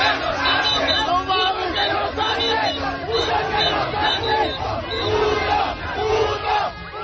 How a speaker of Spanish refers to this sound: Los gritos, las porras y festejos de los aficionados de distintas edades hicieron vibrar el corredor de Reforma y Avenida Juárez, así como sus calles aledañas, donde cientos de comensales festejaban en restaurantes y bares cada gol de la selección